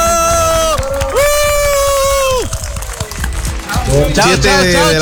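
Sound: crowd applauding and cheering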